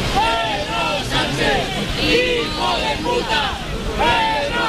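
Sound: crowd chanting and booing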